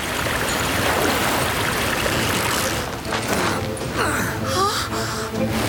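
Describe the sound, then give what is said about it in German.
Loud, rushing river water roars steadily throughout, with a sharp gasp and splashing turbulence partway through as a person, roped for safety, falls into the raging river when a rotten wooden bridge breaks. “Doch die Brücke bricht. … stürzt in den reißenden Fluss.”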